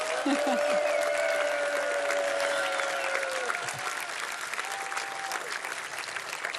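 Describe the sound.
Sustained audience applause fills the whole stretch, a dense steady wash of clapping at an even loudness, with a few faint voices and whistle-like tones mixed in underneath.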